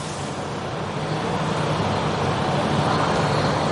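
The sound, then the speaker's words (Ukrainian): A steady, loud rumble of heavy special machinery actively working on a street closed to traffic, where tram wires have been torn down, with continuous low engine drone and broad noise, no pauses and no voices. “ми знаємо про те, що проїхати на цій вулиці зараз неможливо через те, що тут активно працює спецтехніка, а також, власне, через обірвані трамвайні дроти.”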